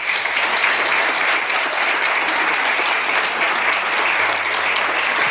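Steady, sustained morning applause from a large audience at a political gathering, given in recognition of a government's work, a dense wash of many hands clapping at an even level for the whole stretch, with no voices standing out.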